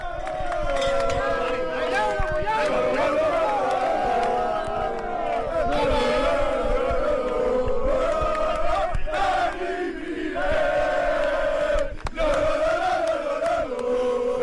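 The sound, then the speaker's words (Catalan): A large crowd of Joventut (Penya) fans cheers and chants euphorically as coach Dani Miret comes out and the team delegate throws water on him: a loud, continuous wall of overlapping shouting voices with rising and falling pitch that never lets up for the whole stretch. “Atenció perquè ara surt Dani Miret i atenció perquè aquí hi ha eufòria, eh?”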